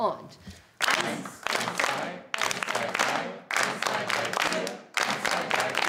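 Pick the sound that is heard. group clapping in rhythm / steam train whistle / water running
group clapping in rhythm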